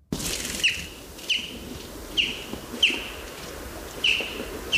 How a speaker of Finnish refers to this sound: Siinä kuultiin peipon ääntä. Ja tuo lentoääni, tuommoinen jyp, jyp, jyp, sitä voi kuulla silloin, kun lähtee ehkä töihin tai askareisiin aamulla, aamutaivaalta. Menee isoin parvein.